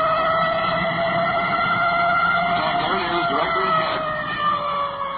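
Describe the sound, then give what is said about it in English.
An emergency vehicle siren wails steadily and loudly at an intersection, its tones sustained over the rumble of traffic and engine noise. “siren from the intersection.”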